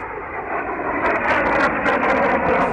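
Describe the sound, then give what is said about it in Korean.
A loud, steady roar of three airplanes droning overhead, coming from the direction of Kunming and flying straight east, a dense rushing rumble that swells slightly and holds for the whole moment, with no voices. “비행기는 쌩하고 곧장 동쪽으로 날아갔다.”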